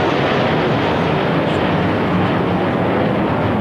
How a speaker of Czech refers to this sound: při slavnostním pochodu na konci piety pak nad Vítkovem přeletělo 5 armádních letounů.